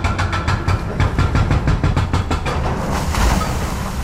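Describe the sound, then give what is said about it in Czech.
An excavator breaks through the last piece of wall of the third tram tunnel in Brno, Czech Republic, hammering in fast, steady rhythmic blows over a loud, continuous engine rumble, with no voices. “Rypadlo se právě provrtalo posledním kusem zdi a jak pomalu upadávají jednotlivé kusy, tak mizí i provizorně nasprejovaný barevný obrázek brněnské šaliny.”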